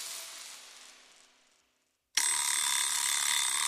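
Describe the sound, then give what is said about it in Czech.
A shrill electric bell, the ringing signal of Hit Radio's money game, rings and slowly fades out, falls silent for a moment, then bursts into a loud, steady, metallic ringing that continues without a break. No one speaks. “V 7 hodin 10 minut po našem zvonění otevři dveře a vyhrávej peníze. Kdo pak to zvoní?”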